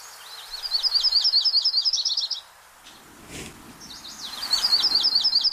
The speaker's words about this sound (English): There's your butterbutt warblers. Butterbutt, the fantastic other name for yellow-rumped warbler.